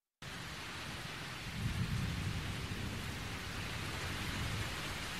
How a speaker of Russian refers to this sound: В таком состоянии его и застала грозовая стихия.